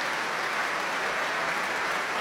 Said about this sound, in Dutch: Staande ovatie. Publiek, het was zichtbaar en hoorbaar onder de indruk van deze natuurkrachten die we hoorden.